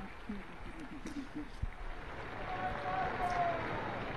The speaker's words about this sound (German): Vive il Papa, es liebe der Papst und großer Applaus brandet auf.